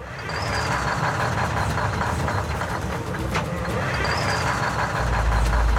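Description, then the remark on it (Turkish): The engine of a 50-year-old logging truck, being started with the help of ether, cranks with a loud, steady, rough churning for several seconds, a faint high-pitched whine drifting over the rumble. “Ama bu gibi motorun çalışmasını istediğimiz zamanlarda standartlar düşüyor.”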